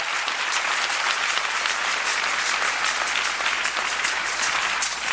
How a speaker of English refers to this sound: It's a good place to clap for Jesus.